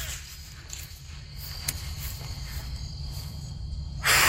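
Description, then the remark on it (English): A short, loud breathy whoosh at the very end as a child blows a strong jet of breath, following a few seconds of low rumbling background. “I think of our breathing jet as like, you know, a wind tunnel.”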